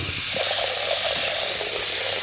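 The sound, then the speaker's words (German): Tap water gushes steadily into a pot in a kitchen, filling it to be boiled, a loud, continuous hissing rush that holds for about two seconds with a low hum underneath and no voices. “Wassermarsch.”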